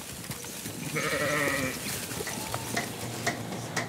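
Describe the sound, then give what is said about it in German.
A sheep lets out one drawn-out bleat over a steady rustling, crackling background like animals shuffling through straw, early in the morning at a shepherd's farm on Eiderstedt; no one speaks. “Ein Arbeitsweg, bei dem höchstens mal ein paar Schafe im Stau stehen.”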